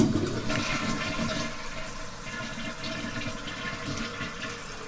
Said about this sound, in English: All right, maybe just because I was fishing around in there, something happened. Okay, no problem. Let's flush it again.